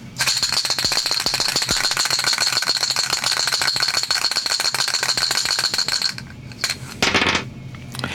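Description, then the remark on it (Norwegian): Dice rattle rapidly and continuously in a cup for about six seconds, a dense clicking clatter, then a few sharper knocks as they tumble out and settle, rolled to draw the winner of a prize in a radio prize draw. No one speaks. “man kan jo bare vinne en premie, så hvis terningen viser 5 og 6 noe mer nå, så blir det omtrekk.”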